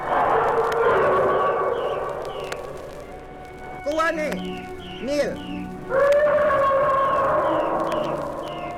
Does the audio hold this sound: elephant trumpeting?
yes